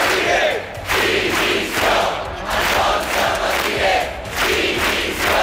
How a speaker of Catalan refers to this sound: Són alguns dels crits que s'han sentit aquest migdia en contra de les càrregues policials que hi va haver en la manifestació de diumenge contra el turisme massiu. Els manifestants han demanat la dimissió del delegat del govern espanyol a les Illes.